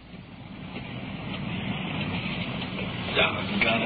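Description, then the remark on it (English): Heavy rain pours down in a dense, continuous hiss that swells slightly louder over a few seconds, with a couple of brief sharper splashes near the end. “Rain's really coming down now.”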